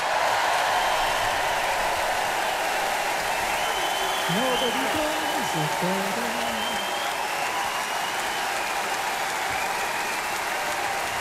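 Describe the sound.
Sustained loud applause from a large audience at a concert with the BBC Concert Orchestra fills the whole stretch, a dense steady roar of clapping with a brief voice or cheer rising above it partway through.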